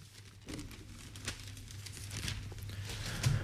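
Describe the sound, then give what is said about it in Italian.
Pages of an Italian newspaper rustle and crinkle as they are handled and turned to the inner pages, a steady run of papery crackles and soft swishes lasting a few seconds, with no one speaking. “andiamo adesso a leggerlo sulle pagine interne e prendiamo il Sole 24 Ore”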